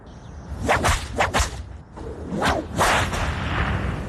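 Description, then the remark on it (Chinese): Loud, sharp ceremonial whip cracks ring out three times in a measured sequence outside the imperial Jinluan Hall at an enthronement, each a bright snapping burst with a swishing tail, over a steady low rumble and no speech. “金銮殿外，又是鸣鞭三下。”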